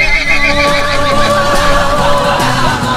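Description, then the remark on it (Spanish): A horse whinnies in a long, wavering neigh over cheerful background music, the high, shaky call filling most of the three seconds before trailing off. “Buenos días, caballito.”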